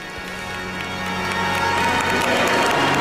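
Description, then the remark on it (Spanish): A large crowd of faithful applauds and cheers Pope Leo XIV as he leaves the Cathedral of Santa Ana, a dense, continuous roar that swells slightly louder over a few seconds. “Aplausos al Pontífice.”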